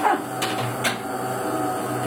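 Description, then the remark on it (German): A coffee machine in a kitchen in Allschwil near Basel starts up with two sharp mechanical clicks, then a steady low motor hum and a broad whirring noise that carries on at an even level. “Sie setzt die Kaffeemaschine in Gang.”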